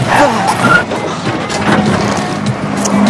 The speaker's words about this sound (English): Dacca is driving Vincent's car badly.